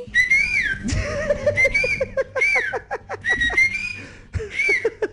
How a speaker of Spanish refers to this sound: Padre, quiero aprender a chiflar.